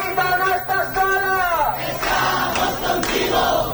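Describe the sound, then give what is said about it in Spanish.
Dozens of neighbours gathered in front of a woman's door to stop her eviction chant and shout in unison, loud and continuous, the voices rising in a sustained cry before breaking into rowdier yelling punctuated by a few sharp claps or bangs. “Hace unas semanas le notificaron que debía abandonar la vivienda y hoy decenas de vecinos de su barrio se han concentrado ante su puerta para impedir el desahucio.”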